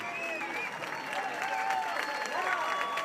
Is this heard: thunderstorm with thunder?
no